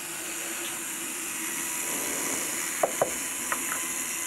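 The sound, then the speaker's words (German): A small drill bores very fine holes for threading a thin saw blade, with a steady, high, hissing whir throughout, broken near the end by a few sharp ticks and clicks. No one speaks. “Erstmal Löcher bohren. Ganz feine für das Sägeblatt.”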